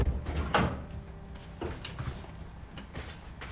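A door opens: a sharp latch click, then softer knocks and shuffles as it swings, over a low hum.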